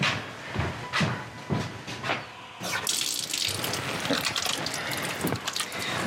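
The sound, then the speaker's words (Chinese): Hands splash under a running tap, a few separate wet bursts at first, then a steady stream of water pouring continuously into a sink, fairly loud, with no voices, as someone washes their hands before a meal. “那洗个手吧，赶紧洗手吃饭。”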